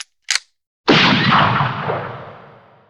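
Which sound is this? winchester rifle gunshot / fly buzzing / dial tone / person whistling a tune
winchester rifle gunshot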